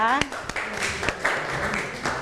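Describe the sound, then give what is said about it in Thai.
A classroom of students applauding group 5 after its presentation on photosynthesis, a steady wash of many overlapping claps with a few sharper individual hits, and a voice briefly rising above the clapping. “ขอบคุณครับ ขอเสียงปรบมือให้กับเพื่อนกลุ่มที่5อีกครั้งหนึ่งนั่นเองนะคะ”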